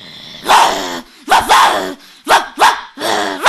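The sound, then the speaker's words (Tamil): A school student doing mimicry imitates a fighting dog, giving about five rough, growling barks in quick succession, loud, with short pauses between them and no other talking. “இது பேர் சண்டை நாய்.”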